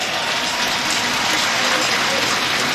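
Steady audience applause at a jumping competition for Liaoning athlete Gai'er after his sixth attempt fills the whole stretch, a dense even wash of many hands clapping at constant loudness, with no pauses or distinct individual claps standing out.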